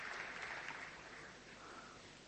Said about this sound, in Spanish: Acá lo aplauden, por si no escucha.